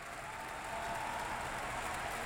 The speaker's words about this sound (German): Dieser Applaus, den Sie jetzt hören, gilt der gesamten Bläsersektion. Wie gesagt, ein sehr groß besetztes Werk mit fünffachen Bläsern, zwei Paukensets, großes Schlagwerk.